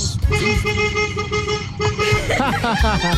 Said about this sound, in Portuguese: Ô, Léo, eu vou buzinar na porta da tua casa lá pra acordar o Ricardão que tá lá enquanto você não chegou ainda.